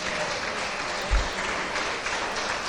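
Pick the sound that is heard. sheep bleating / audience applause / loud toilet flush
audience applause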